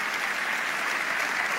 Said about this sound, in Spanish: Yo quiero que le demos un aplauso a todos ellos. Vamos, fuerte, sobre la cabeza, vamos.